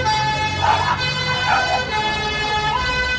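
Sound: fire engine siren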